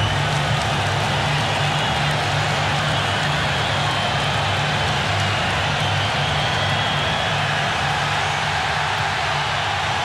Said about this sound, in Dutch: Dat gejuich van de mensen op de tribunes.